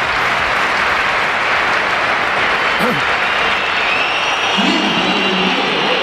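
A large crowd at the Bernabéu stadium fills the air with continuous, loud applause and whistling as Kylian Mbappé enters, shrill whistles rising faintly above the roar, with no break for the full stretch.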